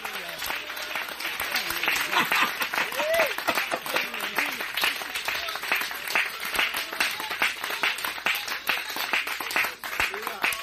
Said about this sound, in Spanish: Solo los de allá atrás aplauden, los de aquí adelante se murieron.